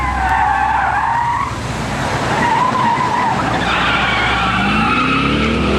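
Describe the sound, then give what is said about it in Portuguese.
A car skids with loud, wavering tire squeals running continuously over a steady engine rumble, the high screech shifting pitch as the vehicle slides, intense throughout. “Chefe está derrapando.”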